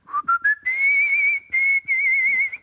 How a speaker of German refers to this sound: Donnerwetter. Er ist ein Kunstpfeifer. Ein Kunstpfeifer. Die … von Altona.